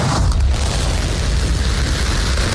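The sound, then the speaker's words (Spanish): A SpaceX Starship rocket lift-off on its 13th test flight: a loud, continuous roar dominated by deep rumbling low end, with a broad crackling hiss spread across the upper range, steady and unbroken throughout, no voices. “Y escuchamos el despegue de la nave Starship de SpaceX, la cual ha aterrizado con éxito.”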